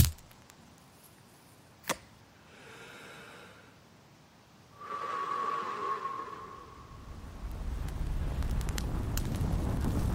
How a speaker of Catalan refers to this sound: Foc és foc. Evitar una catàstrofe està a les teves mans.